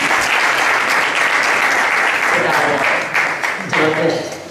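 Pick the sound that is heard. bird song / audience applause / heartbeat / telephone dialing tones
audience applause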